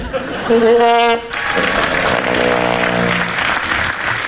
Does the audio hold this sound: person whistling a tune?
no